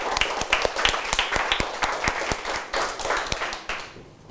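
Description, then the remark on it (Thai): A group of students claps steadily for everyone for about four seconds, a dense patter of many hands that thins out and fades at the end. “ปรบมือให้กับทุกคนด้วยนะครับ”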